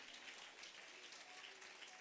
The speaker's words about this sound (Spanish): Gloria a Dios. Dele palmas de alabanza al Dios de la gloria, hermano.